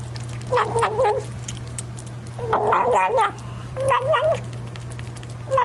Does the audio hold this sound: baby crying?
no